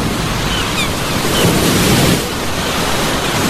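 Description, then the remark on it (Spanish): Ocean surf washing in with a steady, broad rushing roar that swells briefly in the middle, heard alone with no voices and a breezy, windy texture throughout; part of a station ident for Pirata FM 100.9 from Villamil, Playas. “Desde las entrañas del profundo y ancho mar.”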